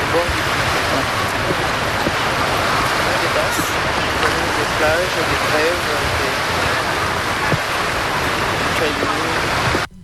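Water laps steadily against a river beach in the city, a continuous wash of splashing and rushing with no pauses, while faint voices murmur in the background.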